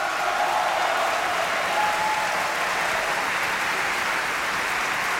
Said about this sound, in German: Jubel für Ziggy Dai als Zerbinetta.